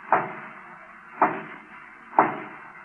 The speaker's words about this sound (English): Lightning hides in the shadows and watches anxiously as one of the guards suddenly raps on the door.